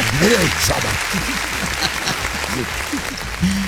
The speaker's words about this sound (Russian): Ну, что? Аплодисменты.